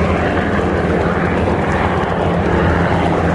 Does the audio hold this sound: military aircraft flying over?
yes